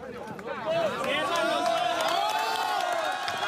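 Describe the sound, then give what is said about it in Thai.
A crowd breaks into cheers as Colombian rescuers free a woman trapped under rubble for 36 hours after a magnitude 7.4 earthquake in Colombia. Overlapping shouts, whoops and excited voices rise together in a dense, sustained roar of celebration that stays loud throughout. “เสียงเชียร์ดังขึ้นเมื่อเจ้าหน้าที่โคลอมเบียช่วยหญิงคนนึงออกมาสำเร็จค่ะหลังจากที่เธอติดอยู่ใต้ซากปรักหักพังนาน36ชั่วโมงนับตั้งแต่เกิดแผ่นดินไหวขนาด 7.4 เมื่อวันจันทร์”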